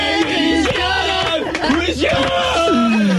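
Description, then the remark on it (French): An audience cheers and whoops loudly and continuously, many voices yelling and calling out at once, with a steady wash of applause underneath, as the audience applauds at the close of a show. “Et c'est finalement le public quand même qui vous applaudit avant de se quitter.”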